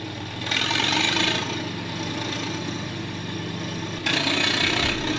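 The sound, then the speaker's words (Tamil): A vehicle engine runs steadily throughout with a low, throbbing rumble, briefly swelling louder early on and again near the end. No voices are heard. “தம்பி, வண்டிய பொறுமையா ஓட்டிட்டு போப்பா, பாதையில ஆடுக போயிட்டு இருக்கு பாரு.”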